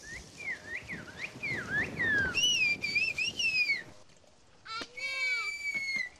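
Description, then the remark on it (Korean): Loud, shrill whistled language done without hands by a master whistler of Kuşköy, in rapid rising and falling phrases like whistled speech. There is a short pause near the middle, and faint background noise runs underneath. “손도 안 대고 자유자재로 붑니다.”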